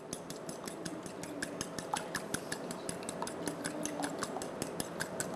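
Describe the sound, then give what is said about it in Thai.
Eggs being beaten gently with a fork in a bowl, with quick, steady clinks of metal tapping the bowl's sides repeating rapidly and evenly throughout, moderately loud and with no talking. “เวลาตีก็ตีเบาๆนะครับอย่าตีแรงจนกระเด็นออกมานอกชามนะครับ”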